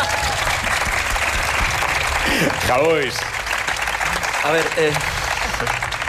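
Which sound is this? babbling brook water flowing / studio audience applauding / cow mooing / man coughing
studio audience applauding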